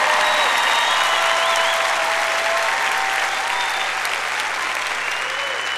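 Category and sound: crowd, audience applause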